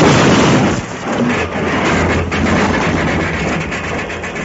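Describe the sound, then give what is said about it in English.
A locomotive derails and crashes in a loud, continuous roar of grinding, rumbling noise, with heavy low-end booms running through the whole stretch and no voices. “That's what Deuce planned to have happen to the whole train. A derailment, an accident which he wouldn't be held responsible for.”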